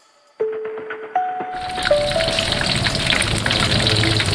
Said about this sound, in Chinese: 腹肉的油脂较多，所以要先下锅油炸，等打卷之后再下背脊肉。